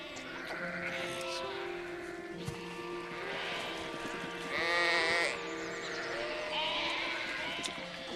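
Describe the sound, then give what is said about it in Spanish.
Sheep and lambs bleat repeatedly, their wavering cries overlapping, with one louder, drawn-out bleat standing out midway and others trailing after it. “Un rebaño rechaza a los corderos que nacieron en invierno.”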